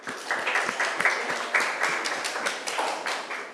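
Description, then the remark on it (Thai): A group of students in a class applauds steadily at the teacher's request for the student representatives who presented four topics, a dense, even patter of many overlapping claps that stays moderately loud throughout, with no voices heard. “ค่ะและในวันนี้นะคะนักเรียนก็ได้นำเสนอนะคะครบทั้ง4หัวข้อแล้วนะคะครูก็ต้องขอเสียงปรบมือให้กับตัวแทนนักเรียนอีกครั้งหนึ่งค่ะ”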